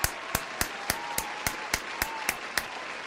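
A single pair of hands clapping at a steady, even pace, about ten sharp claps in three seconds, with no voices and only a faint background hum between claps.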